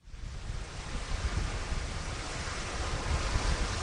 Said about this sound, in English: Out in the middle of the Atlantic Ocean, waves are crashing against the side of a 17-story cruise ship.